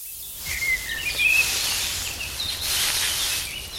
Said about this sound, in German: Mein Lieblingsgeräusch ist, wenn ich draußen bin und es im Gebüsch raschelt und ganz viele Vögel zwitschern. Das finde ich echt schön, denn Vögel zwitschern so schön und es ist dann irgendwie auch ein bisschen geheimnisvoll